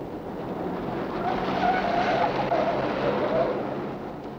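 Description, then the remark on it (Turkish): A car is driven recklessly at high speed, a steady engine-and-road rumble that swells in the middle, with a thin tire-squeal whine rising briefly over the noise. No one speaks. “deli gibi sürme arabayı!”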